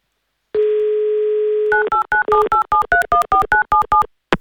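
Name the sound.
telephone dialing tones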